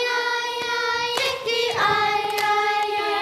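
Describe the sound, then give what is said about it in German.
A handful of sharp, percussive hand claps and thigh slaps land at irregular intervals over a steady, sustained chorus of 24 children aged 5 to 10 singing held notes as they warm up in a choir hall. “24 Mädchen und Jungen im Sommeroutfit sitzen bei heißen Temperaturen im wohltemperierten Chorsaal, klatschen in die Hände und auf ihre Oberschenkel und singen sich warm.”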